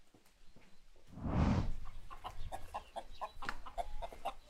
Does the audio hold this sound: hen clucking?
yes